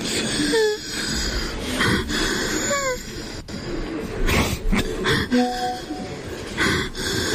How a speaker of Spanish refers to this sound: El man está llorando. Escúchelo.